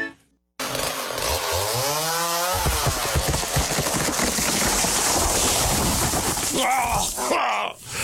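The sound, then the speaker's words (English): A chainsaw revs up loudly and cuts a tree steadily for several seconds, its engine whine rising and falling, followed by a rough crunching crash as the tree falls through a fence, wood splintering near the end. “Oh, there goes the fence. You should have called a certified arborist from Timberscape's Tree and Plant Services.”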